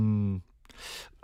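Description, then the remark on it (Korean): During a live radio broadcast, a brief voiced sound from the host gives way to a breathy rasp, then a sudden, sharp cough bursts out, loud and abrupt. “제가 기침이 갑자기 나네요.”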